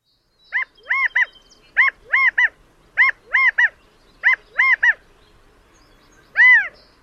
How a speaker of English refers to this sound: California quail are stocky, plump-looking birds found throughout their namesake state, as well as in parts of the Pacific Northwest and Northern Rockies, where they've been introduced.